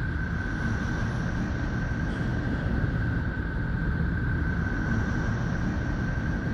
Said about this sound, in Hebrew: ממש מזכיר קצת נשימות. אנחנו תכף נחזור לצלילים של נפטון.